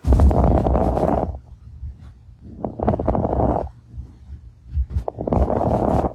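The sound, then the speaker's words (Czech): Fine crackles of pulmonary fibrosis heard by a general practitioner through a stethoscope on a patient's lungs: three crackling inhalation bursts, harsh and dry like Velcro tearing, likened to walking in snow or slurping through a straw, separated by quieter pauses over a steady low muffled rumble. “Nemoc přitom může zachytit už praktický lékař, který při poslechu plic fonendoskopem u nemocného člověka uslyší takovýto zvuk.”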